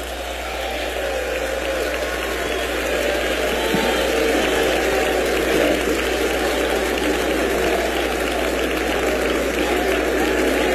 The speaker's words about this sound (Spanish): Aplauso fuerte